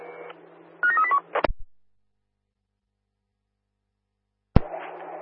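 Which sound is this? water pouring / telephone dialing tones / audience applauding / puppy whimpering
telephone dialing tones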